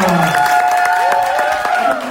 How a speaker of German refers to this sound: Ja, das erste Los ist gezogen worden und wir klatschen ihn auf die Bühne. Macht bitte Lärm